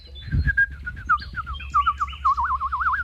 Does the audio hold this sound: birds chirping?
yes